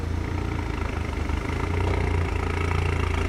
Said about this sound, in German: Die Tuning-Polizisten wurden von Kollegen zu einem Einsatz gerufen. Ein Wagen klingt lauter, als er sollte.